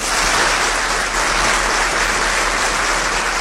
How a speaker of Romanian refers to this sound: Aplauze pentru actori, dar mai ales pentru spectatori. Aplauze pentru spectatori.